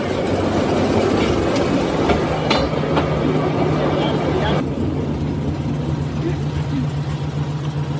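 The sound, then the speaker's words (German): A motorized rail draisine drives out from a turntable along the track, its engine droning steadily with a low hum as gears are shifted, occasional clicks and clanks rising over the continuous rolling noise. “die die Draisine in der Art nach Bundesbahnvorgabe gebaut hat”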